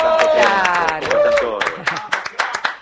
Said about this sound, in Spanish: Un aplauso, claro.